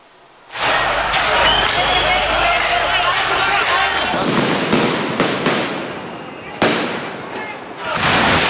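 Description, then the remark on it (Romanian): Firecrackers bang repeatedly amid a roaring crowd during evening street clashes in Belgrade, Serbia, as groups of young people throw stones, bottles, firecrackers and smoke bombs toward gendarmes. Sharp cracks pop out at irregular intervals over a dense wash of shouting and noise. “După manifestarea în general pașnică la lăsarea serii, grupuri de tineri au incendiat tomberoane și au început să arunce cu pietre, sticle, petarde și fumigene în direcția jandarmilor.”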